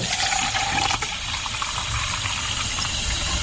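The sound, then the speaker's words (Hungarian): Plain tap water pours steadily into a 5-liter glass preserving jar, being added to a yeast mash, a continuous bright, splashy rush with a faint rising tone as it fills, no one speaking. “Még akkor öntsünk hozzá vizet, mert még kell majd hozzá. Egyszerű csapvíz is jó hozzá.”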